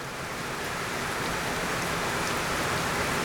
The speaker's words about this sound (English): The work is threaded throughout by the recurring presence of water, a trickling, flowing, resonating, and transforming presence.